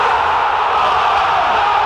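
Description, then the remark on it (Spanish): A football stadium crowd roars in a goal cheer, a dense, loud, steady wall of shouting voices that holds without a break for nearly two seconds. “Es un grito de gol que nunca.”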